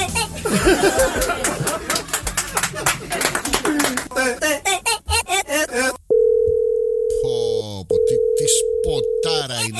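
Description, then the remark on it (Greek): Busy, jumbled voices and harmonic sounds give way to a phone's ringback tone: two long, steady, clear tones with a brief gap between them, heard alone near the end. “Τώρα έχω πάρει τηλέφωνο. Περίμενε. Θα παίξω το χαλί, το χαλί. Έλα, βαράει, βαράει, βαράει.”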